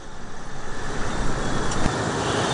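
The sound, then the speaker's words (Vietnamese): Dense road traffic rumbles steadily at the eastern gateway of Ho Chi Minh City in the late afternoon, as crowds leave the city and vehicles move slowly. It is a continuous wash of car and engine noise with a brief louder pass near the end, no voices, and moderately loud. “Tại cửa ngõ phía đông đến cuối giờ chiều, lưu lượng đông dần, các xe phải đi chậm.”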